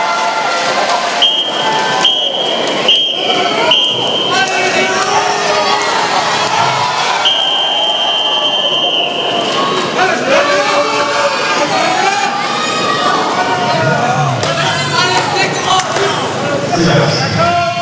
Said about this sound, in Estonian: Ja kuulame ka kodupublikut.